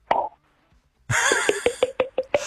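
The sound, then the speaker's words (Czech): A voice imitates wine being poured, done over the telephone: one mouth pop, a brief pause, then a hissing pour with a quick run of hollow glugging plops that speed up and repeat. “Třeba tady někdo umí napodobit zvuk nalévání vína.”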